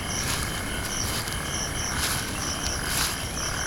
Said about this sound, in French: Je marche dans les herbes de la savane sud-africaine. J'entends des grillons et des rapaces nocturnes.